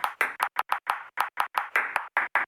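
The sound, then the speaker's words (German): A table tennis ball bounces in a quick, uneven series of about fourteen crisp clicks, spaced in short and longer gaps, tapping out a Morse code message, with no voices. “Dann interessieren Sie sich entweder für Morse-Tischtennis oder es liegt daran.”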